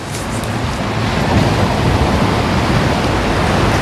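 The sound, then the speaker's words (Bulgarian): Loud, steady roar of Black Sea surf on the beach at Lozenets, a continuous wash of breaking waves with no distinct pauses, without any voices. “Добър ден от плажа в Лозенец.”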